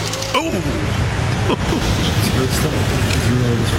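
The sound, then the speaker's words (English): Steady, loud traffic rumble from cars passing along a busy downtown street below a high-rise condo, a continuous low roar with faint voices mixed in the background. “And now cars are going by, all of this stuff.”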